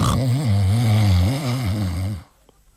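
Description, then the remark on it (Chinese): A storyteller's voice imitates one long, loud snore of the character Cheng Yaojin, sleeping while being beaten with boards at a county magistrate's court: a low rumbling drone with a wavering pitch that holds for about two seconds before cutting off into near silence. “可是再一听啊，这位程大爷呼噜打得震天响。”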